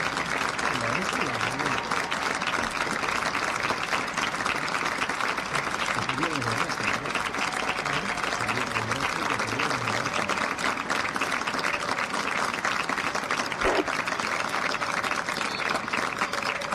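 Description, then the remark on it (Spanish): A football stadium crowd at the Diego Armando Maradona stadium in La Paternal, Argentina, applauds for the Messi family, steadily for about seventeen seconds, a dense, even wash of clapping that stays loud throughout, with faint voices and shouts mixed into the crowd noise. “El aplauso al público en la Paternal, acompañando como todo el fútbol argentino en esta fecha a la familia Messi.”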